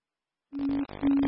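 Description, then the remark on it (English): A fire station paging alert for Station 21 plays two loud, steady electronic tones back to back after a brief silence, each about a third of a second with a short break, dispatching Engine 21 to a water emergency at Dry Hollow Campground, East Echo Dam Road. “And page out station 21.”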